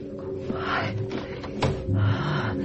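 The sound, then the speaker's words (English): A door is slowly pulled open with a drawn-out, grinding creak and a sharp latch click partway through, fairly loud, with no voices. “Step. Open the door.”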